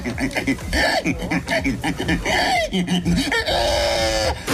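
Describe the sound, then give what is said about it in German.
A man imitates pig squeals with a rapid run of high, strained grunts and squeals, loud, ending in a longer drawn-out squeal. “so hört es sich an, wenn er Schweine nachmacht.”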